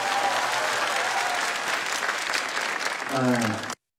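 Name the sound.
audience applause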